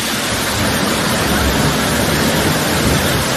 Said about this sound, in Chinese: 刚刚呢，我们和王主任呢体验了一把在山涧飞瀑之下啊，感受了一个踏舟湖上，让我们真的是非常的惬意啊。坐着竹筏，看着我们的山间的美景啊，可以说是非常的享受了。 对，这就是我们一级瀑布， 嗯， 啊，陶然湖瀑布